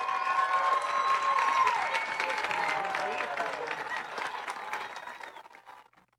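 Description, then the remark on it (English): A large outdoor football stadium crowd claps and cheers steadily at halftime of a Moberly Spartans versus Kirksville Tigers game, the applause sounding broad, with a brief whistle near the start before the noise gradually tapers off. “I'm going to turn up your crowd mic here.”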